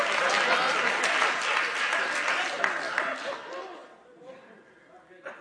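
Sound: audience clapping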